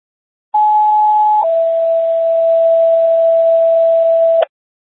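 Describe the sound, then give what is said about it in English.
Non-emergency radio test tones sent to a station during a radio test: a loud, steady higher pitch for about a second drops straight into a lower tone held for roughly three seconds, over faint radio hiss, with no talking. “how do you copy non-emergency tones?”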